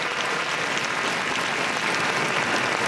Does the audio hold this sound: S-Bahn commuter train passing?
no